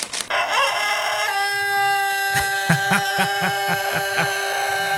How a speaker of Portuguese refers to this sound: O Galo pegou gripe, ô Bodinho.